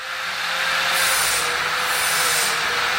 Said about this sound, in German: Es ist Nachmittag in der Metallbaufirma Bruno Sponer in Bergen-Enkheim. Ein Mitarbeiter schleift in der Eingangshalle gerade Treppengeländer ab, bevor sie lackiert werden.